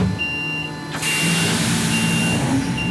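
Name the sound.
electric truck driving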